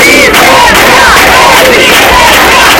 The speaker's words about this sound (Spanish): Así sonaban las últimas horas en el obelisco de A Coruña, donde ha habido una concentración para reclamar medidas más efectivas.